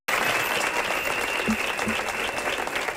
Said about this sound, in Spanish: Aplaudiments i xiulits a les portes del Teatre Principal de València avui. Més d'un centenar de professionals de les arts escèniques han protestat davant d'un teatre tancat de manera imminent.